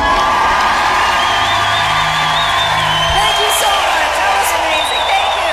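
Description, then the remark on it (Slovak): A large audience cheers and applauds continuously, with loud whoops and shouts rising over a dense wash of clapping, steady throughout. “Ale áno, budeme sa vedovať napríklad tomuto potlesku.”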